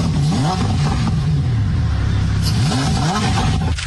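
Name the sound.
lamborghini engine revving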